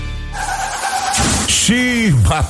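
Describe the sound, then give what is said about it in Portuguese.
A car's tires screech in a sustained, high squeal as it skids, then a loud, noisy crash hits as it collides. A short vocal exclamation follows right after the impact. “Bateu, mas meu carro tem Álamo.”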